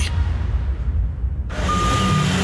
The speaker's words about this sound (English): Hear that? That's one of AML's removal trucks pulling up.